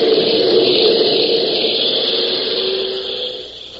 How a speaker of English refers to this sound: The weather is thick and heavy, storm clouds sweeping around him on all sides, and above the steady drone of the engines, he can hear the low, menacing rumble of thunder.